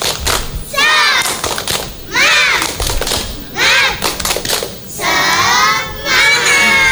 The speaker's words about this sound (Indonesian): Baiklah teman-teman, supaya semangat, kita akan awali dengan tepuk semangat. Tepuk semangat!